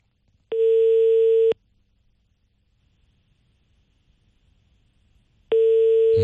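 A telephone ringback tone as a call to an ETC after-sales service number connects: a steady, loud electronic beep lasting about a second, then a long silence before the same tone begins again, with no voices. No one answers.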